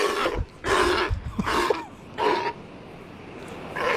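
An Australian sea lion gives a series of loud, harsh barking roars, about five bursts in quick succession with brief pauses between, prominent over a low background rumble.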